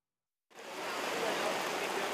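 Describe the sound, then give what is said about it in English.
After a brief moment of silence, a heavy rain downpour begins abruptly and pours steadily, a dense, constant, fairly loud hiss of water, a few kilometers from Bangkok's international airport in Thailand during floods. “Just a few kilometers from Bangkok's international airport, the downpour continues.”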